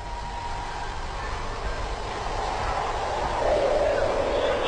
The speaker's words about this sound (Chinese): 听到这刺骨的呼啸风声，也会让人不寒而栗。